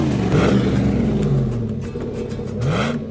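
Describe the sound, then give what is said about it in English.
A loud truck engine revs up and down through a throaty customized dual exhaust system installed by Danny's Muffler, its deep rumble rising in pitch twice over a few seconds, unaccompanied by talk. “Dual exhaust sounds really great.”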